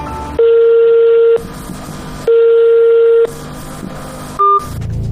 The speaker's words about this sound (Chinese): 然而这个服务热线却打不通， 一直在是那个嘟嘟嘟的声音，没有人接听。 记者也用自己的手机拨打了这一服务热线，电话拨通了却无人接听。